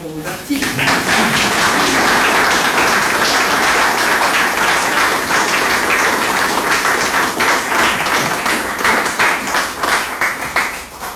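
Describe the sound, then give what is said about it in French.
Sustained applause from an audience at an evening event, directed to the organising team, a dense wash of many hands clapping loudly and steadily for about eleven seconds, with faint voices mixed in underneath. “Elles sont toutes présentes aujourd'hui, et vos applaudissements que je vous invite à concrétiser vont d'abord pour eux, et je vous remercie.”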